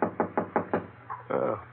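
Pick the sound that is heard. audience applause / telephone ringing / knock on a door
knock on a door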